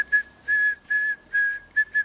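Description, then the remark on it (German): A steady, fairly high whistled tone taps out the SOS Morse code distress signal, short bursts around three longer held notes, clear and alone with no talking. “Ach so, das Morsezeichen SOS.”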